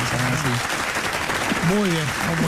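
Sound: applause sound effect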